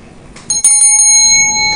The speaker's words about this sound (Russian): Это замечательный такой медный колокольчик, чукотский оленей колокольчик. Мне подарили друзья из Чукотского музея.